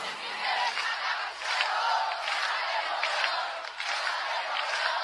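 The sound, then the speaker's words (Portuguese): A large audience in Brazil sings together loudly and steadily, a dense wash of many voices with hand claps mixed in, continuing without pause from start to end. “Deixa eu ouvir o coral mais bonito do Brasil.”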